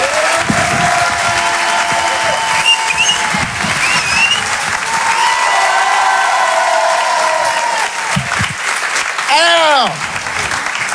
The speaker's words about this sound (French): Rire et chanson Comedy Club. Je vous demande de faire un maximum de bruit, un tonnerre d'applaudissements pour Monsieur Edgar Yves.